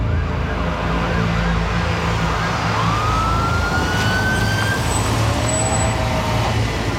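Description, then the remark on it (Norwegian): Ambulance sirens wail over a steady rumble of traffic or engines, rising tones sweeping up and fading, with more than one siren as ambulances arrive one after another at a quay and line up; no voices. “På kaja kommer ambulanser på rekke og rad og stiller seg opp.”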